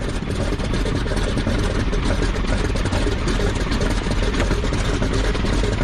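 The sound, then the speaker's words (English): A running engine heard through a stethoscope, its steady rumble carrying a rapid, regular tapping from a stuck inlet valve in cylinder number two, loud and continuous throughout with no talking. “is going to use a stethoscope to listen for the telltale tapping sound made by a stuck inlet valve.”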